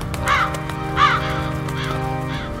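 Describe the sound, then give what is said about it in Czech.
Rooks caw over one another with harsh, rasping calls, about four in quick succession, each loud, over a steady low background hum with no talking. “Skřehotali havrani jeden přes druhého.”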